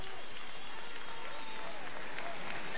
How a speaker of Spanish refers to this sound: y se queda firme en los tercios con la trincherilla y el olé vaciado con el desplante a cuerpo limpio y la ovación de la Plaza de Toros San Marcos.